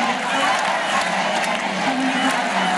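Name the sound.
crowd cheering and applauding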